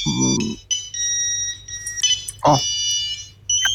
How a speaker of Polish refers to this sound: To są typowe dzwonki Siemensa z tamtych czasów. Takie trochę jak stacjonarne telefony, trochę takie.